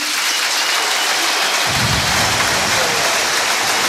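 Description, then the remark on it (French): A crowd at the Francis Leblay stadium in Brest applauding in a dense, steady wash of clapping that stays loud throughout, with a deeper rumble of cheering joining in about halfway through. “Les applaudissements de Francis Leblay et beaucoup d'émotion, hein, Xavier Grimaud et Aurélien Tiersin sur place.”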